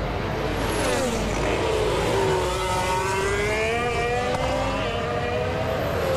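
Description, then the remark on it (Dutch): Verstappen's Formula 1 car's Pirelli rear tyres grind for grip at the last right-hand corner before the finish line, while its engine whines in rising and falling harmonic tones over a steady, loud roar, with no voices. “Hoort de achterbanden malen.”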